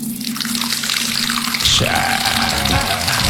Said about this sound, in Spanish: Bótale agüita, bótale agüita. Mamita, preste el balde ahí para aguanta que para botarle agua.